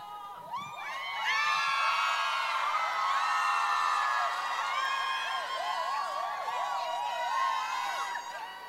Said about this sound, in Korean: 대한민국에 정말 수많은 직업들이 있지만 물 마실 때마다 느낍니다. 가수가 진짜 최고구나. 물만 마셔도 이렇게 소리 질러주시고 환호해주시고 이런 직업이 어디 있습니까 세상에.